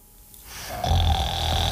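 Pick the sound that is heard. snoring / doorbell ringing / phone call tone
snoring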